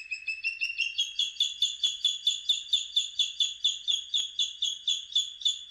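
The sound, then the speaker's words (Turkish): A bird calls in a rapid, steady series of bright, high chirps, about three per second, repeating evenly and loudly with no other sounds or voices. “Bu programda kullandığımız kuş seslerinden”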